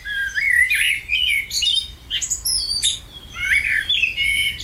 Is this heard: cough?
no